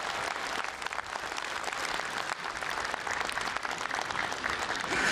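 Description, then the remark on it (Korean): A crowd applauds steadily for about five seconds, a big round of encouraging applause, instead of an encore, for a children's choir that sang a congratulatory song: a dense, even wash of many hands clapping at a constant loudness with no voices rising above it. “사부대중께서 앵콜 대신에 격려의 큰 박수 한 번 더 보내주셨으면 감사하겠습니다.”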